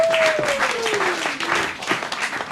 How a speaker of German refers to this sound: Und deshalb begrüßen Sie heute mit uns mit einem tobenden Applaus als Vertreter von Shell, ExxonMobil, BP, Total